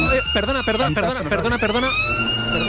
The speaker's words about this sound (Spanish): Es que se acaba el concurso porque está sonando la sirena, pero no suena normal. Está sonando aquí en el colegio 3 veces y esto es un poco raro.